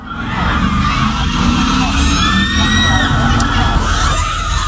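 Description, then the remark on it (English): A loud, dense crowd of girls behind a police line screams and cheers nonstop about an attractive firefighter, shrill high-pitched shrieks sliding up and down over a steady roar of voices, intense throughout. “There's all these girls behind it and they're screaming how attractive he is.”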